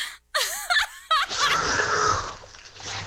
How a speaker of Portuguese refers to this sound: tá ficando pior essa tua respiração aí, hein, velho?